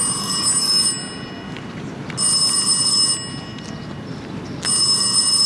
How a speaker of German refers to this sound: Während wir still zu Abend aßen, ertönte das Klingeln des Telefons.